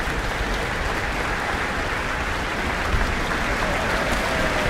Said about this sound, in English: This is her New Zealand debut, conducting with the Auckland Philharmonia. And the percussion have now got their acknowledgement. They've had a lot of hard work to do over the past 46 or so minutes. French horn, receiving some applause.